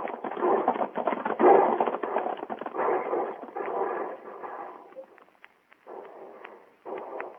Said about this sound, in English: Everybody on his horse and ride straight for the wagons.